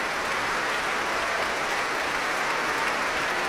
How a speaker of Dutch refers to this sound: Ja, hand in hand, Ivan Fischer en Guy Brownstein. Om dit applaus in ontvangst te nemen.